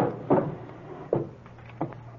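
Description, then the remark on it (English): A drawer in an apartment is pulled open with three short wooden knocks and scrapes spaced over about two seconds, over a steady low hum with no talking. “In that drawer over there. Yeah, this one over here?”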